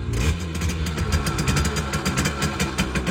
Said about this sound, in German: Und wieder knattert eine niegelnagelneue Simson S51 durchs Land. Diesmal durchs Erzgebirge